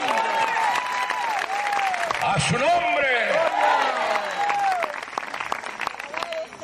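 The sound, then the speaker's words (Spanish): An audience breaks into loud, sustained applause, dense clapping running steadily throughout, while voices shout and call out over it before it thins slightly near the end. “Para él ese aplauso fuerte.”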